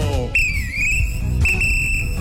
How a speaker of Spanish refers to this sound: No esperes el pitazo.